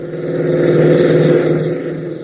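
A jeep's engine roars steadily as it races across an airfield, a loud, mid-pitched motor drone with a rough, rumbling texture that holds strong for a couple of seconds before easing slightly, with no voices.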